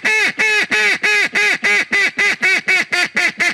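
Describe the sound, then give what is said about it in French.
A mallard duck call is blown in a fast, even series of about thirteen loud, nasal quacks, alone with no talking, each note slightly shorter toward the end. “C'est-à-dire que pour souffler dans un appo à col vert, il faut que le souffle vienne du diaphragme.”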